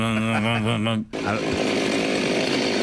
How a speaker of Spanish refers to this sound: Y va a aparecer una motosierra. Vamos a escuchar primero la motosierra.